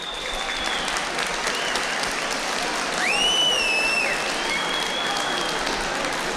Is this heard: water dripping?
no